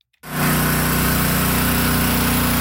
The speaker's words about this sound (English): Now, the drone of generators took over the flood-ravaged town of Minnetonas.